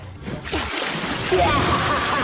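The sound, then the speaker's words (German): A person does a cannonball jump from the diving board into a swimming pool with a big splash, followed by a couple of seconds of churning, sloshing water. “Na klar, Sommerzeit ist Arschbombenzeit und da muss es natürlich spritzen, bis die Schwarte kracht.”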